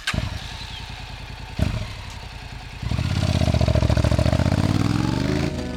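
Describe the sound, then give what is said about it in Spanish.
A motorcycle engine fires up and settles into a steady, pulsing idle with a brief clunk, then revs up loudly with a rising, throaty roar. “Conducir una motocicleta es una aventura emocionante.”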